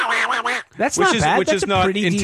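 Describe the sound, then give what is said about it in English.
A person does a raspy, garbled impression of Donald Duck's voice, a short burst, a brief pause, then a longer run of quacking, sputtering babble. “and in my head I was like, oh yeah, I do this great impression of Donald Duck.”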